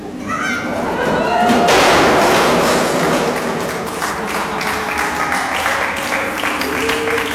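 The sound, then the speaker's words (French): A crowd breaks into loud, dense applause to welcome a person arriving, after a brief quieter start, the clapping holding steady and crackling for several seconds with voices and a few thuds mixed in. “C'est sympa de m'accueillir en m'applaudissant.”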